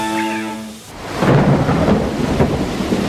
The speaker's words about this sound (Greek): Πω, κοίτα τι ρίχνει έξω, κατακλυσμός, δεν πάμε πουθενά.